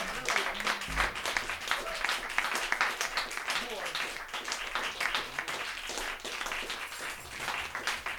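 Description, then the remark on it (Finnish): An audience applauds steadily for several seconds, a dense, continuous patter of many hands clapping at even loudness, with a few voices and shouts mixed into the crowd noise. “Antakaa ne aplodit täällä.”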